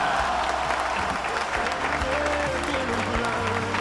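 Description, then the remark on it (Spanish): A burst of steady, dense applause from a crowd fills the whole stretch, loud, with some voices faintly mixed in beneath the clapping. “¡Otro aplauso!”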